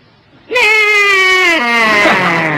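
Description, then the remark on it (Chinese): A man's voice imitates a horse's neigh but it comes out as a long, wavering sheep-like bleat, one sustained loud call that quavers and slowly drops in pitch. “那个一叫唤的声音都跟别的马不一样。”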